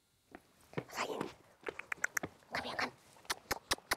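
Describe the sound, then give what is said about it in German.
Scuffling and pattering as three dogs move about, with irregular clicks of paws and soft rustling bursts, growing busier toward the end, with no one talking. “Diese drei Vierbeiner bestimmen bei Ulla Lohmann seit diesem Jahr den Alltag”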